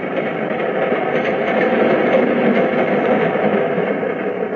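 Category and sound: vehicle, moving train carriage rumble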